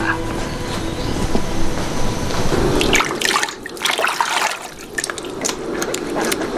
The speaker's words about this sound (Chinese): 嗯，我给你倒水。